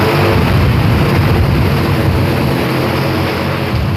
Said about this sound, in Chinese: 这是个 无人机 哦，这么大啊？ 对，我们这吊绳子用的嘛，它可以吊100来斤吧。 快起飞，快起飞！